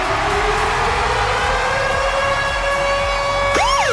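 The Virgin Radio Ticket-Alarm jingle, signalling a rock concert ticket giveaway, built on a siren: a loud, steady electronic wail that climbs slowly in pitch, then breaks into a quick rising and falling sweep at the end. No one speaks.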